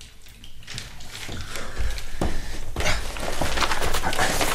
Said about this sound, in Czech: A zastav tu vodu.